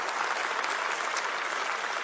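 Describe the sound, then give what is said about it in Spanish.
An audience applauds the Lord for the word, a steady, dense, continuous wash of many hands clapping at an even loudness with no voices standing out. “Un aplauso al Señor por la palabra.”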